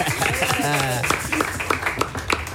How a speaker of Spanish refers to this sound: Bueno, más nada, pues un aplauso.